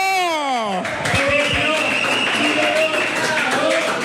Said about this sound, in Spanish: Se escuchan los aplausos, ¿verdad?